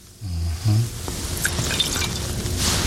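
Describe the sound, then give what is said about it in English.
Water pours steadily into a cooking pot on the stove, after pineapple juice, a continuous splashing gurgle that runs for a couple of seconds after a brief low hum at the start, fairly loud. “And so we're going to put in our pineapple juice. Okay, 100%, of course. And then we're going to put in the water.”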